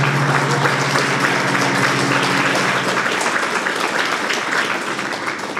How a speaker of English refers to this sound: You're clapping from happiness or you're clapping because why am I again stuck here? Tleskáte, že máte radost, nebo tleskáte, že tady jste, že tady musíte sedět?